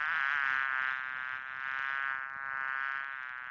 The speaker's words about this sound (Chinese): 稍后呢，这位局长要上厕所，没料到，哎呦，这厕所里全是苍蝇啊！